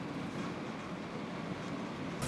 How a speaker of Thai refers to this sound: ทีมงานวิถีอาเซียนได้ลองเดินทางจากด่านประดังเบซาโดยขบวนรถไฟฟ้าของมาเลเซียนี้